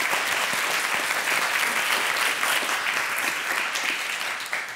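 applause

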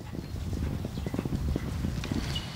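horse hooves galloping

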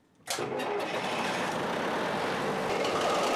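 ship engine starting up

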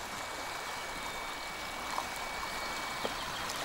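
flowing river water

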